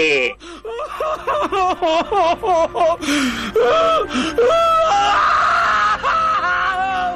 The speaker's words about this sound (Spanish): ¡Ay, ay, ay! Pará un poco, a ver si te cambio ese llanto por risa